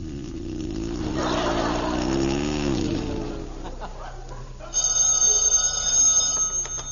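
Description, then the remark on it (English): A telephone bell starts ringing partway through, a bright, steady metallic trill that follows a low rumbling, shuffling stretch of noise at the beginning. “Where is that darn phone?”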